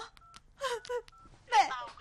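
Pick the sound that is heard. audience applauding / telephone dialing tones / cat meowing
telephone dialing tones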